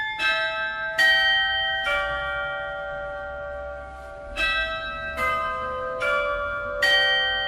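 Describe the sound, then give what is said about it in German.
Chiming carillon bells of the glockenspiel heard on Theaterstraße in Würzburg, Germany, play a slow melody, about seven distinct strikes roughly a second apart, each ringing with bright sustained overtones that overlap as they decay, heard clearly with no voices. “das sind quasi die Glöckli auch, die da im Glockenspiel quasi laufen, die man in der Theaterstraße hört.”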